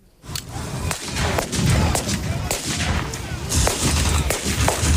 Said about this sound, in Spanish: Sí, con ese ambiente, rodeados de vehículos blindados y anticarros, y entre explosiones y disparos, varios grupos de recreación histórica de toda España y hasta participantes de Estados Unidos y Reino Unido